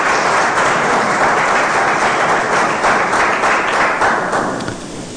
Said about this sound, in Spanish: Dale un fuerte aplauso al Rey si crees que ese milagro va a llegar.